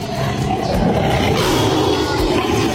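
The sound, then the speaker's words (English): A tiger roars loudly, one deep, rumbling, continuous growl-roar that fills nearly three seconds without pause, with no voices alongside it. “The 29th of July is also International Tiger Day.”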